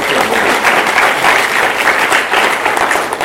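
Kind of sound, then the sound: crowd, audience clapping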